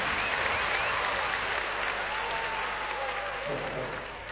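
A studio audience applauds steadily, a dense wash of clapping that holds at a constant level for the full few seconds, with faint cheers or whistles threaded through it.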